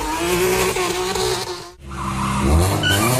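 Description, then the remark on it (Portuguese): Street racing cars roar and accelerate hard with sustained tire squeal, loud, a brief dip midway before engines surge again with rising revs and screeching tires, during an early-morning street race on the Marginal do Pinheiros, near the Cidade Jardim bridge. “Ponto onde o pessoal costuma se encontrar para ficar disputando velocidade ou então fazendo arrancada, né?”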